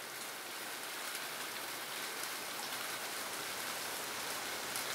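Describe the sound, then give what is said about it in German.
Steady rain falls outdoors, a dense, even hiss of drops pattering on surfaces that continues without pause, moderately loud, with no voices. “Wir haben hier die nächste Regenwolke und ich gehe mal.”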